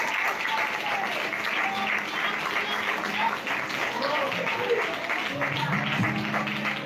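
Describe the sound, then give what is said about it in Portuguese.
A church audience claps for Jesus after a prayer, a steady, dense, continuous patter of many hands at an even loudness for several seconds, with faint voices and a low hum mixed underneath. “Quem orou com fé, diga glória e assente com as palmas gloriosas para Jesus.”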